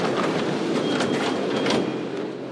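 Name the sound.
subway train in station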